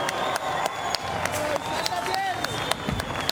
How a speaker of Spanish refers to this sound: Otro aplauso, por favor. Un aplauso más fuerte.